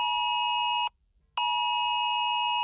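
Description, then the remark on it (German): A Cell Broadcast system smartphone emergency alert tone, which sounds even in silent mode, blares loud and harsh, a steady buzzy electronic note sounding once, cutting off briefly, then resuming for longer. No voices accompany it. “Neu ist seit einigen Jahren das Cell Broadcast System für Smartphones. Auch im Lautlosmodus gibt es Alarm und durchbricht jegliche Stummschaltung.”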